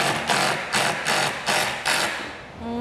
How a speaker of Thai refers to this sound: เสียงมันจะแปลกๆนะคุณผู้ชมเพราะว่ามันเป็นจอกกระแทก